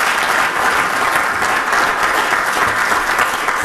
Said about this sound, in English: And so we vow and have vowed publicly to preserve and restore the building to its original glory. That, yeah, deserves a round of applause.